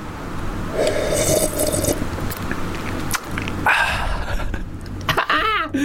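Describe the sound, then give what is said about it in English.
Loud, wet slurping sips of hot tea, several noisy draws in a row with no talking, the last one rising into a squeaky, whistling slurp. “I'm just going to sip this tea.”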